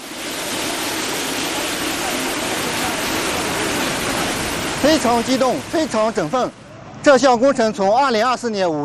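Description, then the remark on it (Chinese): A loud, steady roar of Yellow River water gushing from the outlet sluice of the Wanjiazhai Yellow River Diversion northern branch line at Shilihe Reservoir, Zuoyun County, Datong, around 10 a.m., after flowing over 90 km by pipeline from Daliang Reservoir in Pinglu, Shuozhou. A person starts talking over the rushing water about halfway through. “现在是上午9:59，我现在就在大同市左云县十里河水库，大家看，在我身后就是万家寨引黄北干支线的出水闸口，再有不到一分钟，从朔州平鲁大梁水库一路向北，在鸭绿管线里奔腾了90多公里的黄河水，将首次来到左云，与十里河历史性握手。”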